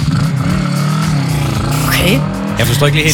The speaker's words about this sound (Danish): Så der starter tjekker ind med en motorcykel, der giver den gas.